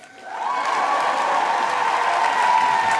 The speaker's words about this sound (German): Ich aber habe eine AA, eine Artificial Audience. Jubel!